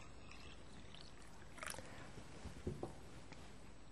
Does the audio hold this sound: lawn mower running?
no